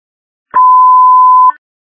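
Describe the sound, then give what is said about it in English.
An iPhone's automated crash detection notification call tone: one loud, steady electronic beep lasting about a second, clicking on and off sharply, with no voices around it. “There's an iPhone crash notification.”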